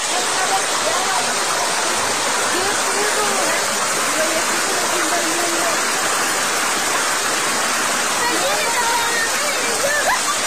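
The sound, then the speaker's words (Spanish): A hailstorm pounds down on the main plaza of Santa María del Río in a dense, unbroken roar, with rushing floodwater churning loudly through the whole stretch. Faint voices can be heard beneath the din. “Vamos a escuchar cómo cayó la granizada en Santa María del Río.”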